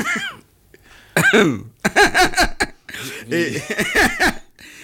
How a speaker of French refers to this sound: si vous continuez à tousser, je me tais, parce que je trouve qu'il y a quand même un manque de respect assez. Vous ne me direz pas que ce n'est pas une toux irrespectueuse.